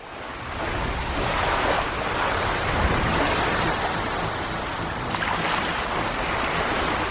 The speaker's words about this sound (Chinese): 这个就是滔天巨浪。